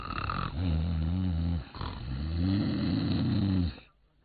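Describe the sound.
A storyteller imitates the snoring of the character Ma Wu, who has collapsed on top of a city wall, in two long, rumbling breaths, each a drawn-out throaty rasp with a short pause between, alone before fading out.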